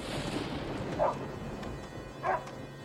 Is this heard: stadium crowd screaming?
no